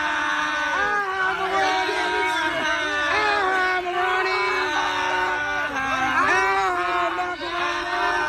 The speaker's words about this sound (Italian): Niente, sto pezzo c'ha una coda lunghissima con la gente che strilla.